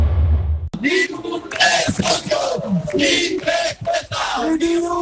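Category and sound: crowd, protest crowd shouting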